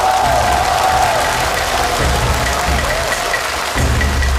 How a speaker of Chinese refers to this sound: 接下来让我们掌声欢迎著名京剧演员王佩瑜老师，有请。